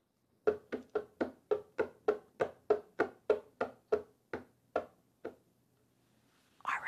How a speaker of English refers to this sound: Oh, wait, what is it? Oh, right. Sorry, it's dog feet. So just saw a dog walking on wood floors. Okay, dog walking on wood floors.